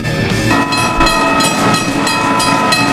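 A train rumbles past with a loud, sustained horn blaring over the clatter of the wheels, filling the whole moment with steady mechanical noise.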